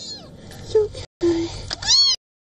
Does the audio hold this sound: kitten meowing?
yes